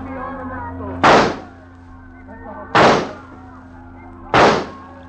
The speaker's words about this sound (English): You're going to shoot him? Now. Nobody will hear the shots. But you cannot hit him at that distance.